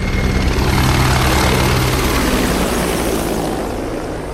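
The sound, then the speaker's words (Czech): A helicopter flyover at a military oath ceremony roars loudly past overhead, its rotor drone steady and dense with low harmonic thrumming, gradually easing off toward the end as it moves away. No talking. “To byl průlet vrtulníku a teď už může začít samotná přísaha.”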